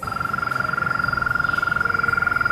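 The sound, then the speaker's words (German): A continuous, rapid trill of frogs calling from a pond, a steady high-pitched pulsing that never pauses, with a low background rumble underneath. “Dieses Trillern. Hören Sie das?”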